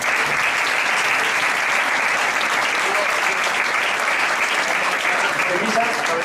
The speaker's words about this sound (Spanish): El presidente, el vicepresidente y en medio el representante de, para empezar, Cepisa Group. Un aplauso.